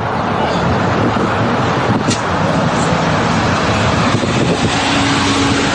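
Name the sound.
cars queuing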